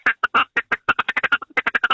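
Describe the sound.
A duck call blown in a rapid staccato feeding chatter: a quick run of short, nasal quacking notes, about eight per second, loud with no voices.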